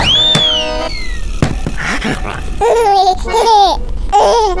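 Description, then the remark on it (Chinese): A hungry human baby who has no teeth yet babbles and giggles in a string of high, bright bursts, with squeals and chuckling coos rising and falling, plus a couple of soft knocks in between. “我们要喂人类宝宝吃什么呢？”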